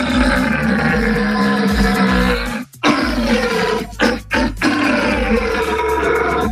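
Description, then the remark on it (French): Loud red deer stag belling during the mating season at the Sainte-Croix wildlife park: long, deep, guttural roars that run almost continuously, broken by a few brief gasping pauses before the bellowing resumes. “On pourrait croire que c'est un problème de digestion, mais non, il s'agit d'un cerf. Et le brame du cerf, c'est effectivement la saison des amours, c'est en ce moment.”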